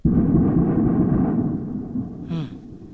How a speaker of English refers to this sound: the strikes sounded really bad even while they were happening. We heard hours of very, very loud explosions like these.